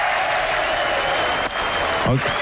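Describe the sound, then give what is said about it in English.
Steady clapping from a group fills the whole stretch, dense and even, with a brief voice-like sound breaking through near the end. “I think I'm giving you the applause for that because...”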